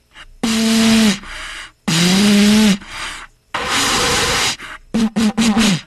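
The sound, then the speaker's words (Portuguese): A cornet horn blown hard: three long, breathy, low-pitched blasts with gaps between, then a quick run of short sputtering toots. Loud and raspy, with no talking. “Tô aqui soprando feito um louco.”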